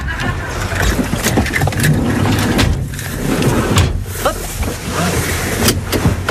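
Steady low road rumble and engine drone fill the cabin of a moving service car heading toward a roundabout near the Garcia Lorca media library, with occasional light clicks and rattles over the constant hum.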